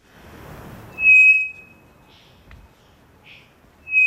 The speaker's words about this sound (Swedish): Mm. Det vi hör här, det är en treflikig klockfågel som jag tror sitter i Amazonas. Men de fåglar som vi ska höra framöver är lite mer hemtama. Det där var alltså en rak vissling.